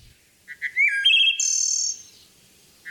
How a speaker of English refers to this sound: A song can go a long way toward meeting that goal, and males like this wood thrush serenade females with gusto.